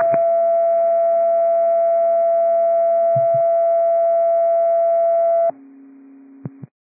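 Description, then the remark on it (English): A loud, steady fire dispatch radio alert tone holds for about five seconds, then drops to a quieter, lower second tone, with a few short clicks near the end and no voices; tones for an investigative response on TAC 3 at a Jack in the Box, 9408 Old Highway 99 North Road. “Battalion 18, Tones for investigative response on TAC 3 at Jack in the Box, 9408 Old Highway 99 North Road.”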